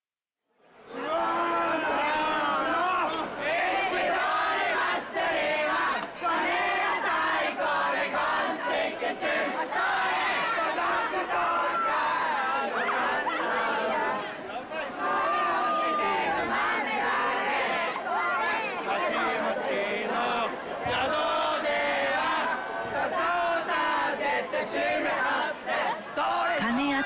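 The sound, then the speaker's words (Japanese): The crowd at the Ishidori Festival in Kuwana, Japan, known locally as Japan's noisiest festival, shouts and yells continuously just before midnight, a dense, loud wall of many overlapping voices with raised cries rising out of the din, sustained without a break for the whole stretch. “石取り祭りは桑名を流れる町屋川の石を奉納する神事が始まり、地元では日本一やかましい祭りとしても親しまれています。”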